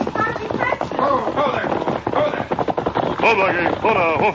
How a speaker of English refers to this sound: Sergeant Preston spurred his mount forward and shouted to the young couple.